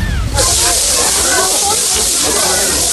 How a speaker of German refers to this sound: Dieses Rascheln. Ja, das Rascheln. Was erzeugt dieses Rascheln? Und das hat mich gestern so fasziniert. Es ist Frischhaltefolie.